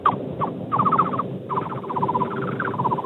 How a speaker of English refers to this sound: Awesome, though. Go, whatever go, that go is, one more time. That bird is just unbelievable